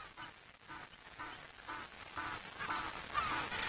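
A colony of African penguins, the largest remaining breeding colony, on two small islands in Algoa Bay near Port Elizabeth, calls over and over: a dense chorus of harsh, nasal braying honks repeating in a steady rhythm and growing slightly louder, with no voices.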